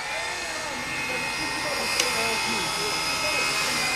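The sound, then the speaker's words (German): Loud, continuous grinding whine of stone circular saws with steady high-pitched tones, one sharp sledgehammer knock midway, and faint voices murmuring underneath, during works in the small bay of Saminat near the L'Escalette factory, with a strong warm east wind blowing. “Idyllisch könnte es sein, gäbe es nicht den ohrenbetäubenden Lärm von Vorschlaghämmern und Steinkreissägen.”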